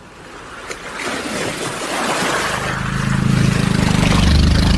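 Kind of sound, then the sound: ambience, waves lapping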